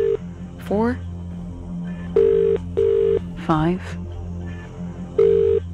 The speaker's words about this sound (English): Here we go. Oh, it's ringing. It's ringing. 10 rings to answer.